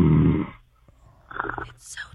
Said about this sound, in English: Oh, is he sleeping? Oh, sleeping. He's sleeping. He's got snoring problems.